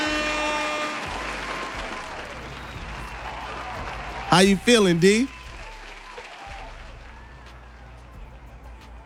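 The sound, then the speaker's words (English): An audience claps loudly to welcome a special guest, in a dense, steady wash that gradually thins out, while a man's voice briefly speaks over the applause midway through. “Y'all make some noise and give us a warm, loud applause for the homie”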